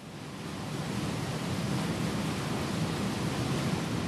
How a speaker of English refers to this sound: Okay. Looks pretty. I do not want to fall down into that waterfall.